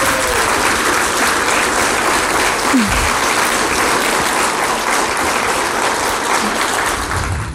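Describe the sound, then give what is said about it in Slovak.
A large audience applauds loudly and steadily, a dense wash of clapping that holds at full strength for several seconds before starting to taper off at the very end, honouring singers' success in the folk singing competition Zem spieva. “Tak ja myslím, že toto si zaslúži naozaj veľký potlesk.”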